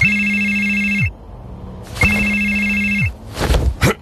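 A telephone rings twice, each ring about a second long with a pause between, loud, followed by a brief clatter and rustle as it stops.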